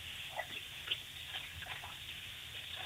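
Water runs steadily from a bathroom tap, a soft continuous hiss with a few small splashes and drips scattered through it, fairly quiet and heard on its own without any talking.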